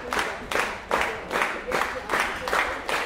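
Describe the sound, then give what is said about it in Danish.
An audience applauds in steady unison, the crowd's clapping surging in regular, evenly spaced waves about twice a second, a loud, bright, noisy patter with no voices standing out, at a full-house 5 o'clock Friday afternoon concert of new music at Gjethuset in Frederiksværk. “Og bifald fra publikum.”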